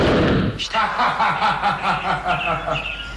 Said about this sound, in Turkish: Silah sesiyle birlikte kendini yere atman gerekirdi.